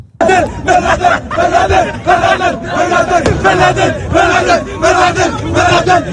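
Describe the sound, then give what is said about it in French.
A large crowd at celebrations that turned into riots chants slogans in loud, rhythmic bursts, many voices shouting together in repeated cadenced phrases with cheering, sustained and forceful throughout. “Les célébrations qui se sont transformées en émeutes nous ont aussi permis d'entendre le meilleur des slogans et des cris de joie avec des retenues, disons, contrastées.”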